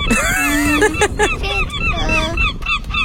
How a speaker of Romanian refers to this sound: Bun, următorul sunet. Pescăruși. Poți să ghicești numărul lor?